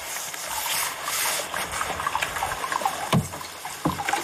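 Hot water pours steadily into a foot bath, a continuous splashing hiss with a few louder sloshes and knocks near the end, and no one speaking.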